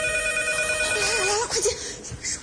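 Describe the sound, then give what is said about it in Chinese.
A telephone rings with a steady electronic tone for about a second and a half, an expected call from the elder sister's husband, then a wavering, voice-like sound cuts in over a background murmur. “待会儿大姐夫来电话，我接。”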